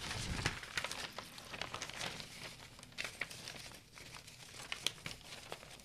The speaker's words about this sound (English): Now turning the page to page 7, we'll continue.